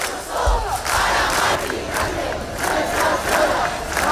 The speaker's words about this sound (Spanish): El látigo de Ayuso para Mari Carmen, gritaban algunos. Sonido de Madrid, donde cerca de 10.000 personas se concentraban frente al ático comprado por la comunidad.